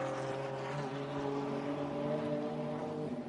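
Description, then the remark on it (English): A steady, loud drone of TCR touring race car engines, with sustained harmonic whines holding and shifting slightly in pitch as the pack of cars streams past out of the final turn without a break. “as you point out, aren't over yet, because here comes the rest of this TCR field.”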